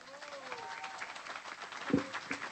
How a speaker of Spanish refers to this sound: Y bueno, pues quién mejor que conductoras del programa de Cinco Mujeres queden aquí al micrófono para dirigirnos unas palabras. ¡Fuerte el aplauso!